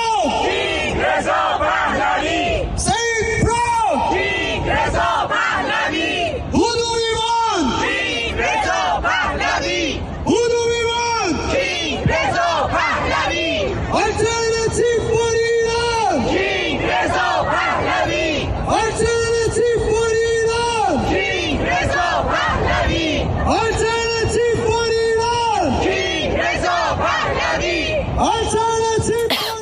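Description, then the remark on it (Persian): A large crowd at a rally in Halifax, Canada, chants loudly in unison, voices rising and falling in a steady repeated rhythm of shouted phrases, with brief pauses between each chant and constant background crowd noise. “در شهرهای مختلف کانادا از جمله هالیفکس هم تجمعات مشابهی برگزار شده.”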